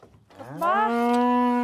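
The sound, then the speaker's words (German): A single long moo from a Galloway cow, one of 40 to 50 Galloway cattle brought to the island of Lürsand for summer grazing, starting low, rising in pitch and then holding a steady, loud, harmonic-rich tone for over a second with no talking. “40 bis 50 Galloways dürfen den Sommer auf der Insel verbringen.”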